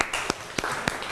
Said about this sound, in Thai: โอเคขอเสียงปรบมือให้เพื่อนหน่อยครับ